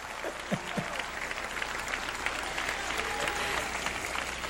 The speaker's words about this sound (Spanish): Dice, yo amo a los que me aman y los que me buscan de madrugada me encuentran. Ay, la primera vez que me aplauden cuando digo eso, sonríase que el Señor le ama, qué bueno.